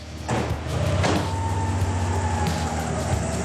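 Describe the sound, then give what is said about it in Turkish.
The engine of an Integrale car, which sat for 10 years and needs valve adjustment, runs steadily on a test drive to a repair shop 300 metres away, with a low, continuous rumble and droning harmonics, punctuated by a couple of sharp clunks early on, with no voices. “Bu yüzden Chris sadece 300 metre uzaktaki tamirhaneye kadar bile olsa deneme sürüşü yapmayı atlamıyor.”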